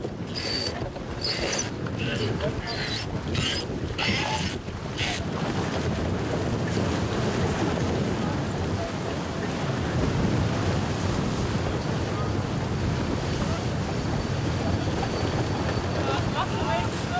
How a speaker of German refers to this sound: Der Wind nimmt weiter zu.